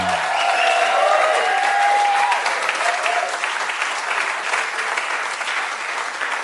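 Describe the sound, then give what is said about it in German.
Sustained audience applause for a singer on the Schlagerspaß show, a dense, even wash of clapping that stays steady and loud for the whole stretch, with faint whistles or cheers showing through early on and no speech. “Ich habe gerade eine gute Idee, weil ich den Applaus gehört habe.”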